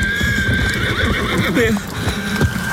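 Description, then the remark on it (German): Rapid, rhythmic hoofbeats of a galloping horse carrying a rider pound steadily as they approach from behind at great speed; horse and rider are both very large. Partway through the horse lets out a high, wavering neigh. The sound stays loud throughout with no voices. “Näherten sich ihm von hinterrücks in großer Geschwindigkeit Pferd und Reiter.”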